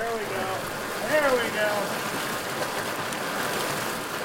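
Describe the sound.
Steady rushing water of Ferry Creek in Bandon as tribal fisheries workers wade into the creek and stretch a seine net across the water, pushing finger-sized smolts downstream, with faint voices of people briefly talking in the background near the start.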